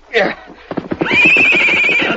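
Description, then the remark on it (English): A horse with a saddle on, to be let loose, whinnies in a long, loud, wavering high-pitched call lasting over a second, preceded by a short snort and rapid stamping hooves, with a man's voice briefly underneath. “Just let him loose today with a saddle on. Tomorrow you can ride him.”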